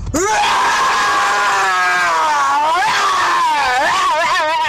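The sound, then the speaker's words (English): A person's voice imitates a lion's roar in one long, loud, sustained growling cry that wavers in pitch and rises in warbling bursts near the end, with no other sound. “Here goes my roar.”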